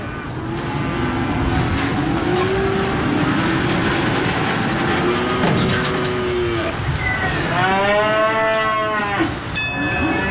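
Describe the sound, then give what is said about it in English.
Several cattle moo and bellow over a constant crowded din of a busy livestock auction yard, with long drawn-out calls rising near the end amid steady background clatter. “We average between 500,000 and 600,000 cattle through here for the last 10, 15 years.”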